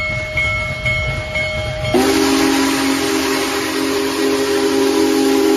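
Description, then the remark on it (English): The Union Pacific 4014 Big Boy steam locomotive passes through Hobart, northwest Indiana, on a Friday morning along Norfolk Southern's Nickel Plate route; after a quieter, humming start, a loud sustained whistle blast sounds over a broad rushing rumble and holds to the end. No one speaks. “That's the Union Pacific's famed Big Boy steam locomotive chugging through Hobart Friday morning along Norfolk Southern's Nickel Plate route across northwest Indiana.”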